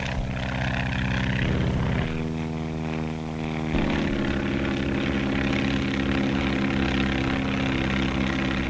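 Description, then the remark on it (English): A propeller skywriting airplane roars with a loud, steady engine drone, its pitch dropping and shifting twice as the plane passes overhead and banks away. “To stand the terrific strain of turning and twisting, the planes have to be strong, yet capable of a cruising speed of over 120 miles an hour.”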